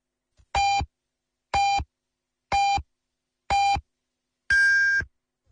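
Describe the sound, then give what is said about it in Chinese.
Four short, evenly spaced electronic beeps, one per second, are followed by a longer, higher-pitched final beep. It is a loud, clear time signal marking 8 p.m. Beijing time on Yanbian Radio and Television's Chinese-language news, with no one talking. “北京时间20点整。”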